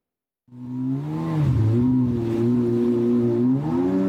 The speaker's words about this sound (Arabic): النسخة الأحدث من الباراكودا، قارب مسير أوكراني الابتكار والصنع. تقول أوكرانيا إنه وأمثاله شكلوا رادعا قويا ضد الهجمات الروسية في البحر الأسود. بقوارب كهذا تهاجم أوكرانيا أهدافا على مسافات تبلغ 700 كيلومتر.